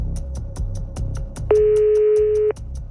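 A single loud telephone ring bursts out for about a second, a steady electronic tone, over a rhythmic music bed with a faint sustained tone before it, as a listener's phone is called during a radio phone-in prize game.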